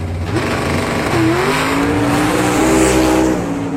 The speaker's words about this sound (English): Liz pulled close to Skink, the leader. Then with a burst of speed, he passed him. His go-kart was so fast, he nearly lapped the other drivers.